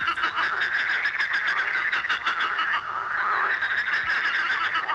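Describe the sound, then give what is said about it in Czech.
A dense chorus of frogs croaking nonstop, many overlapping voices forming a loud, steady, pulsing din with no one speaking. “3, 2, 1, žáby.”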